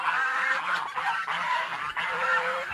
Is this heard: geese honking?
yes